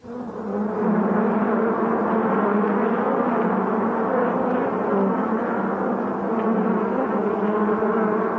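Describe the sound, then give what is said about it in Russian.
A dense swarm of flies buzzes steadily, a thick, droning hum that stays loud and unbroken for the whole stretch, with no voices. “Жадные мухи вгрызаются в тело страдальца.”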